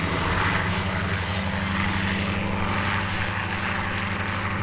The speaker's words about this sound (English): We flew through what's called the Anjuman Pass, and the helicopter, coincidentally, had just been refitted and rehabbed to a certain degree. And I say that because this helicopter was not in the greatest shape.